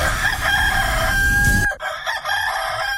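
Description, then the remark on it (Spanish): A rooster crows loudly, one long strained cock-a-doodle-doo that cuts off abruptly, followed by fainter fowl calls in the background. “Que no se le duerma el gallo.”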